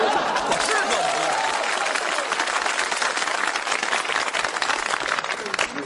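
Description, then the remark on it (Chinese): A crowd applauds steadily for several seconds, dense overlapping claps forming a continuous loud wash that tapers slightly at the end, with faint voices mixed in. “给你鼓掌吧，手已经伸出来了。”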